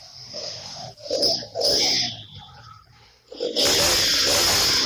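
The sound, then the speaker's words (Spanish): A motorcycle engine revs in loud, surging bursts as a thief on the motorcycle robs a victim in a city street, dipping briefly between throttle blips before rising into a sustained, harsh roar at the end. “Él acelera la moto para evitar que le escuchen los gritos de ayuda.”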